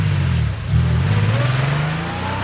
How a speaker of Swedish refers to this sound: Och då ser jag när jag äter halva frukosten att hans Porschebil, den blåa Porschebilen, kommer åkande ut från grindarna vid slottet.